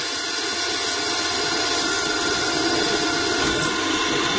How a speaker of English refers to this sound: Drilling is something we do an awful lot of, and as we say in our little business, drill, baby, drill.